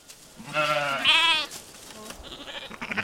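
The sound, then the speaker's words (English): Churro sheep bleat in overlapping, wavering cries, two loud calls followed by fainter bleats from the flock, with no talking, as Navajo weavers bring the flock up the Carrizo Mountains near the Four Corners to a summer sheep camp on top. “Navajo weavers are bringing a flock of Chiro sheep up the mountains to a summer sheep camp on top.”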